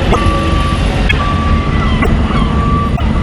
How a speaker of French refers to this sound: Il y a un balai incessant de camions, transportent de gros conteneurs maritimes, ils chargent ou déchargent sur les quais.